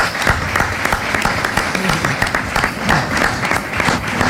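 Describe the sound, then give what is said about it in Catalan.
An audience applauds in honour of the longtime former director of Ràdio Estudis Plugues, many hands clapping in a dense, sustained patter at an even loudness for several seconds, with no one speaking over it. “Demano un aplaudiment per ell perquè s'ho mereix.”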